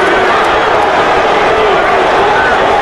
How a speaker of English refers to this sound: You can tell how loud it is here at Haymarket Park. Now Foley calls timeout to go to the hill. Fans are booing.